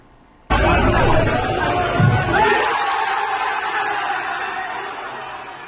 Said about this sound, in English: England fans, they are cheering on Captain Harry Kane, who scored twice in the team's 2026 World Cup debut. They beat Croatia 4-2 in Arlington, Texas.